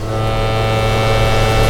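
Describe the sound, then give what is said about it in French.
A loud foghorn blast holds one deep, steady tone, rich with buzzing harmonics and unbroken from start to finish. No voices are heard. “Il manque de chavirer quand résonne la corne de brume.”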